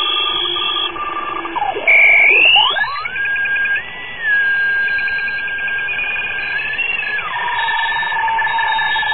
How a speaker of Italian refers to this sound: Ecco, questa è una telescrivente, è una macchina che trasmette caratteri ASCII in un sistema che si chiama RTTY, all'incirca 75 baud